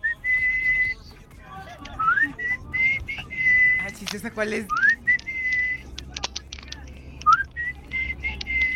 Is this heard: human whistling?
yes